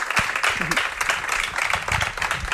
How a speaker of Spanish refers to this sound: Larga vida Surelito, a vuestro paradiso, a vuestro Ixí de Xa, y un aplauso para ellas, por favor.